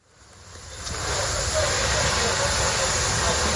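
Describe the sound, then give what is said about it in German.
A steady rush of water spraying onto a fire swells over the first second, then holds as a loud, continuous hiss as firefighters hose down the last burning flames at dawn on a charred site in an industrial area in southern Kyiv, Ukraine. “Ein Feuerwehrmann schreitet im Morgengrauen über ein verkohltes Gelände. Seine Kollegen löschen letzte lodernde Flammen.”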